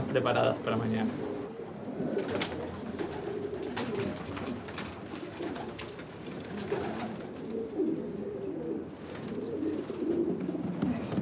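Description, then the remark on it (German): A flock of homing pigeons coos continuously, many overlapping low, throaty calls layered into a dense, steady murmur, with occasional brief rustling bursts. “Es wird sich zeigen, ob sie nach dem Training alle wieder nach Hause kommen. Nicht, dass ein Falke den Schwarm angreift.”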